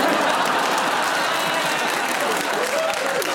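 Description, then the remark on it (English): A studio audience claps after a correct challenge in a panel game, in sustained applause: a dense, steady wash of many hands that holds at an even, fairly loud level for a few seconds, with a faint voice surfacing near the end. “What, no clap?”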